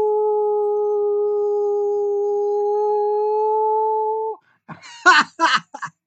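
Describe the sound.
A person imitates a howl with one long, steady, sustained tone lasting about four seconds, followed by a few short, breathy bursts like chuckles or coughs.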